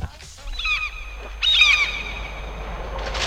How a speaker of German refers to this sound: Die Möwen waren ziemlich laut. Diese hier klingen noch wirklich nett.